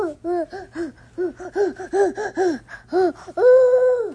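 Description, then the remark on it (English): A young boy's voice imitates an owl with a quick run of short, rising-and-falling hoots in a bouncy rhythm, then finishes with one long, steady, higher hoot. “And he immediately starts making an owl sound.”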